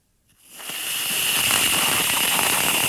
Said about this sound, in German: Ja, ich mach mal ein Geräusch. Das ist Sprühsahne in der Dose. Wenn man die raussprüht, hört es sich folgendermaßen an.